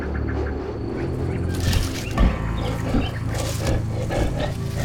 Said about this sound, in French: Quoi ? Mais, ma foi, un lion !